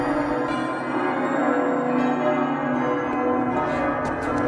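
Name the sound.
church bells ringing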